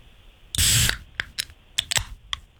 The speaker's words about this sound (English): Ooh. That is soda.